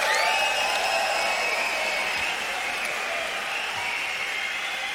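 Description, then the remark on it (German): A large crowd at a live unplugged concert applauding and cheering, a dense, steady wash of clapping with sustained shouts and whistles riding on top, loud and continuous throughout. “Und den Applaus, den gibt's jetzt auch.”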